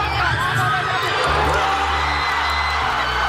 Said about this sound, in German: Nicht einfach nur Jubel. Direkt eine Explosion aus tausenden Kehlen war das auf Asuncions Fanmeile Palmas und Alberdi beim 1:0 gegen die deutsche Elf nach 42 Spielen.